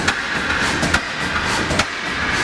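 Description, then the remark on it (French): An early combustion engine runs steadily with a dense mechanical whir and hiss, a faint sustained whine on top, and sharp knocks recurring every second or so. “Et il travaillait sur les tout premiers moteurs à combustion.”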